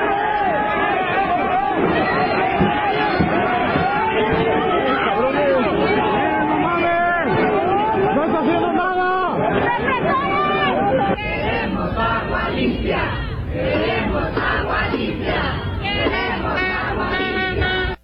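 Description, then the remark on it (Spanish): A large protest crowd in Guadalajara shouting and chanting together for clean water, a dense, loud roar of many overlapping voices that swells in rhythmic bursts of yelling throughout, with no single speaker standing out. “Una protesta que ocurre en Guadalajara y zona metropolitana. La gente fue a gritar por agua limpia, y es que hay que recordar que llevan todo el año con agua sucia, con agua con larvas, con gusanos, maloliente.”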